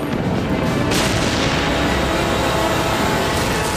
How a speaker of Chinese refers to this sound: 当时一片混乱，到处都是闪光，到处都是炮弹爆炸的声音。 那个地方到处都是炮声。